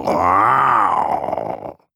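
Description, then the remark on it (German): A person growls in imitation of a tiger, one sustained, rumbling vocal growl lasting under two seconds that swells and then fades out abruptly. No words are spoken. “»Hörst du die Tiger?« Luca grollt zur Antwort.”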